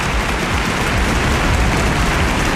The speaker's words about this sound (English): Applause.